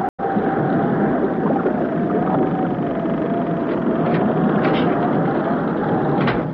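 A loud, unbroken roar of wind and churning stormy sea surrounds a boat with dead engines that is tossing about, with a thin steady whistle running through it and a few faint creaks and knocks rising now and then.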